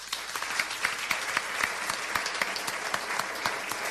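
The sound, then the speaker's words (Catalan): Sustained applause from a live audience of more than 70 people at a public radio program recording, dense overlapping claps forming a steady wash of sound throughout, moderately loud with no voices standing out. “Moltíssimes gràcies, un aplaudiment per vosaltres.”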